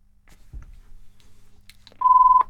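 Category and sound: signal or alarm, telephone ringing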